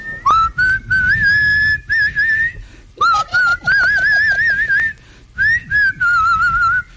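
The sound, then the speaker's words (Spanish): A single person, a trucker on the radio, whistles the song from the film Titanic: a slow, sustained melody with gentle vibrato, loud, phrase after phrase with brief pauses for breath. “Ese güey en el radio se aventaba la del Titanic a puro chiflido, güey.”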